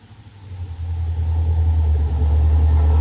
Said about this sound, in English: Well, here we are. Have to pull the car a bit off the road, though, to park.